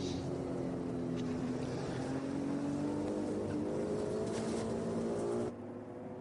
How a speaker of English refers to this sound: Different noise to enjoy from the Ferrari 296 Evo. A different package of Ferrari this year. Just double-checking that is actually the Evo. Yes, it is.